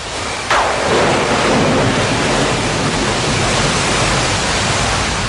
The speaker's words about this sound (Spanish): Los discípulos remaban solos en la noche tratando de cruzar el lago. De repente, vino una tormenta.